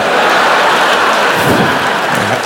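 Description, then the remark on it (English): A loud, dense shower of thrown coins, nickels, clattering down like hail, a continuous rattling patter with no break for a couple of seconds and no voices. “Ow! Are those nickels?”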